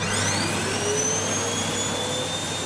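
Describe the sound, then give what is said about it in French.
A vacuum cleaner runs steadily and loudly, a constant roar topped by a high motor whine that holds without pause for the whole few seconds. “La réponse, c'est aspirateur. Ah, mais oui, l'aspirateur.”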